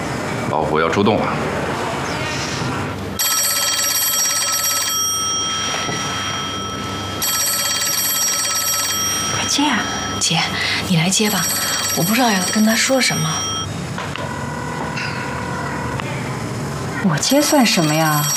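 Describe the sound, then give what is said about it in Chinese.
A telephone rings in steady, repeated bursts of a couple of seconds each, fairly loud, while people talk over it throughout. “快接啊，姐，你来接吧，我不知道要跟他说什么。”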